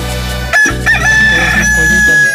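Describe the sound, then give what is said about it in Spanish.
The speaker's rooster crows loudly in the morning in one long, drawn-out cock-a-doodle-doo, its high strained note holding steady to the end over a constant low hum. “Vea nada más cómo le canta mi gallo, Sí, señor, le canta fuerte, pero bien fuerte.”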